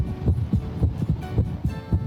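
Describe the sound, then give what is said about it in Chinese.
A heartbeat heard through a doctor's stethoscope during auscultation: muffled, low thumping beats in a steady, fairly quick rhythm, clear, with a faint hum behind them and no voices. “我们在听诊的时候，如果在两次正常心跳之间出现提前跳动的一次心跳，可能是心脏早搏。”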